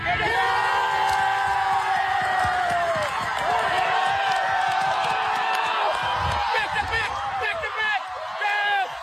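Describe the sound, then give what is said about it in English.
A large crowd at the Tiwi Islands Football League Grand Final cheers and shouts continuously, with loud whoops and scattered high yells rising over a dense roar of many voices, sustained throughout. “And the biggest sporting event on the Tiwi Islands calendar drew a big crowd over the weekend.”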